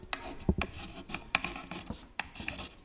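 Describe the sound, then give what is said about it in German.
A slate pencil scratches across a small dark, square slate tablet, writing letters as in an old-style school, in short, irregular, dry-sounding strokes, with a few sharper taps between the rasping marks and no voices. “kleine Schiefertafeln, die die Schüler dann rausholen mussten, um eben schreiben zu lernen”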